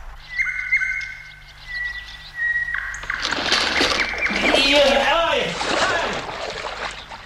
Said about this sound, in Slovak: Pravda, že? Len počúvaj. Mám tam aj tú polámanú lavičku. I to ako si skríkola. Čľupol do vody.